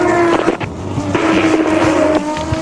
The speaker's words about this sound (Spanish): el turismo carretera. Ahí van los autos. Ya están en la curva 8